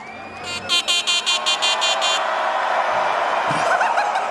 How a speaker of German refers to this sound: Ja, das ist jetzt meine neue Hupe. Das ist ja noch. Oder? Was ist geiler? Die Hupe oder?